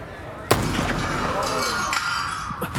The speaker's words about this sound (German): Der erste Schuss hat nur das Glas der Vitrine dort getroffen.